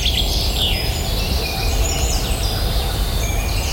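Several birds sing and chirp at once at dawn in a steady outdoor chorus, thin high whistles and trills layered over a low constant rumble of background noise, with no one speaking.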